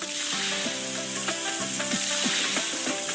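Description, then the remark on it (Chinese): Slices of pork belly sizzle loudly and steadily in hot oil in a pot, releasing rich fat the moment they touch the oil, a dense crackling hiss that fills the whole clip, with a few brief tonal squeaks and scrapes rising over it. “热油下入五花肉片，肉片与热油接触的瞬间爆出丰富的油脂，肉香四溢。”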